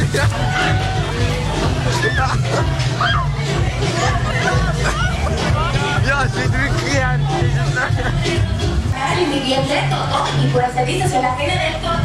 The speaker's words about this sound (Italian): Urla, grida, divertimento e a volte qualche scazzottata. La Langstrasse è la strada festaiola per eccellenza a Zurigo, con ristoranti e club aperti fino al mattino.